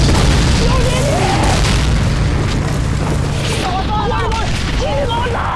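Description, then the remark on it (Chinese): Continuous loud, rumbling enemy bombardment of Hill 597, with heavy booms and a dense roar filling the whole clip, while a voice speaks over the din. The bombing has cut the telephone lines. “597高地敌人轰炸太猛了，电话线被炸断了，派了3种人去抢修，都没回来。”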